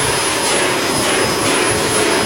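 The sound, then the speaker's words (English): A vacuum cleaner sound effect runs loud and steady, a dense whooshing roar with a thin, high-pitched whine on top, holding constant for about two seconds with no voices. “I'll give you a vacuum cleaner.”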